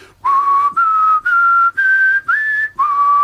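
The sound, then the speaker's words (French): A person whistles a short tune, about six sustained, clear notes separated by brief breaths, the pitch stepping gradually upward before dropping back at the end. No one speaks. “Maître siffleur. Je suis un très grand siffleur.”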